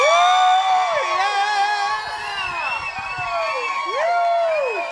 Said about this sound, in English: Big applause.